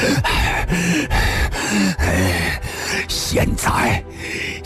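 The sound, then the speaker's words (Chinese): Heavy, ragged, ox-like panting of a man just stabbed in the chest with a short knife: a steady run of loud, labored gasps and strained, groaning breaths, deep and beast-like, continuing for several seconds without words. “公孙羽一惊，短刀 已刺入了铁船家的胸膛，铁船家胸膛还在往前挺，牛一般的喘息着。”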